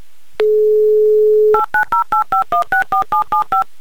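A steady dial tone hums for about a second, then eleven quick dual-pitched keypad beeps follow in an even, rapid rhythm as a phone number is dialed. No one speaks.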